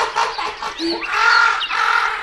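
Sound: raven cawing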